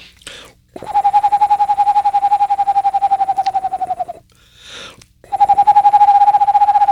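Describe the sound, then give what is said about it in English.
A person imitates an Eastern Screech Owl, whistling a loud, steady, mid-pitched trill that trembles rapidly for about three seconds, pauses briefly, then starts a second identical trill. “But the Eastern Screech Owl was one of the ones that I grew up with here and that I like the most.”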